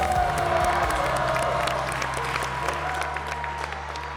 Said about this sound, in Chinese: 来，同时我们掌声送给非常优秀的男丁。